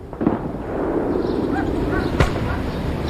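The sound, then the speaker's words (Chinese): Two muffled, distant bangs like firecrackers or gunshots, one early and one about two seconds later, set against a steady background hiss and rumble, in cold, hazy weather in northern China shortly before the Spring Festival. “临近春节，北方的气候依旧寒冷，空气灰蒙蒙的，远方偶尔传来像鞭炮又像枪声的闷响。”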